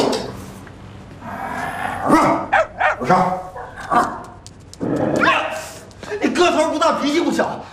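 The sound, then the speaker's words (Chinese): A small dog barks in quick, sharp bursts, fairly loud, with yappy clusters of barks separated by short pauses and a faint whimpering edge. “他， 不是， 小狗狗跟哥哥一起去打针啊！”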